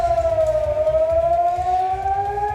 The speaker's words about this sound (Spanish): La sirena sonando en Israel, donde la Guardia Revolucionaria iraní ha lanzado misiles esta pasada madrugada, y ahora mismo tenemos noticia de que se podían estar produciendo nuevos ataques.